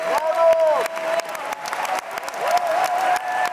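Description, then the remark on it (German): The audience at the Bregenz Festival premiere of Janáček's opera The Excursions of Mr. Brouček applauds steadily, dense rapid clapping with some cheering and whistle-like voices rising above it, sustained at a fairly loud level throughout. “Publikum glücklich und jubelnd, Künstler strahlend.”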